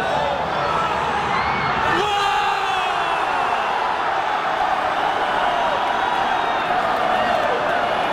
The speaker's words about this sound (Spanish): grito de guerra. Dispuestos a cualquier cosa.